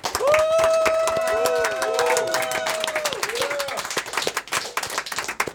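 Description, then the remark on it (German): A crowd claps loudly and steadily for the Dyke March, a dense patter of many hands, while a long wavering whoop rides over the first few seconds; the applause then thins into scattered claps. “Ein großer Applaus für den Dyke-March.”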